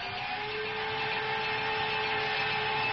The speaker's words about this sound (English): I think I'll put in some honey, some garlic. What else have I got in here? How about some vinegar? Yeah, I'll just put in a little bit of everything. Why don't we just run this through the blender? Froth it up a little bit, huh?